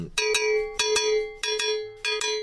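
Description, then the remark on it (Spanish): A cowbell plays the caballo rhythm, a galloping pattern struck in quick pairs of bright metallic hits that repeat four times, loud and ringing, with no voices. “Pero también tiene otras participaciones, por ejemplo, en un ritmo que se llama caballo, que suena.”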